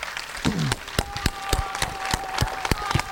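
An audience at a foundation gathering applauds a woman who has stood up: a steady wash of clapping from many hands, with sharper individual claps popping out at irregular moments. A faint steady tone hums underneath, and no one speaks.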